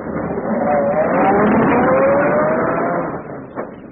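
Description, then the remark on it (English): A luxurious limousine with an English chauffeur: its engine hums steadily while driving, with a rising tonal whine as it accelerates, loud and continuous for about three seconds before easing off. “Seated in a luxurious limousine, equipped with a correct English chauffeur,”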